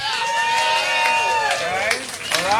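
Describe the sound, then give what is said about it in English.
A crowd cheers and whoops loudly to vote for a contestant in a fireworks sound-effect contest, many voices overlapping in rising and falling shouts, with scattered clapping underneath, sustained for a few seconds. “if you thought his fireworks sound effect was the best, give him a little noise.”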